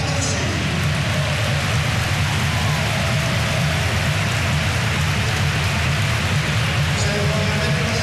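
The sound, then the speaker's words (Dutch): A stadium crowd applauds player El Alucci as he is substituted, in a steady, dense wash of clapping that holds at an even level for the whole stretch, with a low rumble of crowd noise underneath. “Dankbaar applaus voor El Alucci.”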